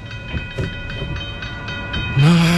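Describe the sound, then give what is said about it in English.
A train rumbles past a level crossing with a steady, rhythmic clatter of wheels, then a loud, low horn blast cuts in and holds at the end. “If traffic is crawling, stop before the crossing. Wait till the tracks are clear.”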